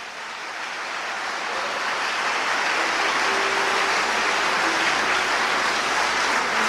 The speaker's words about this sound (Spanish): Denle un aplauso al Señor Jesucristo. Denle un aplauso de veras, hermano. Denle un aplauso de veras.